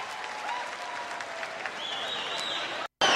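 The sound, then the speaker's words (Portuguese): A crowd applauds in a dense, steady wash of clapping that holds at an even loudness, with thin whistle-like tones threaded through and a brief cutout just before the end. “Uma salva de palmas para ela, bem grande, ela merece.”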